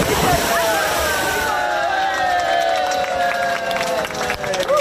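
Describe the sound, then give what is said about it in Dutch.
Busy outdoor swimming pool ambience at a 1965 open-air pool in Zwifterband, reopened after renovation on a warm weekend, with swimmers doing laps: steady splashing and sloshing water mixed with a lively crowd of voices and shouts, constant and fairly loud throughout. “Zwembadliefhebbers in Zwifterband die kunnen eindelijk weer baantjes trekken in hun openluchtbad.”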